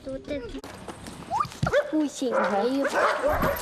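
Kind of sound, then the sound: animal, dogs barking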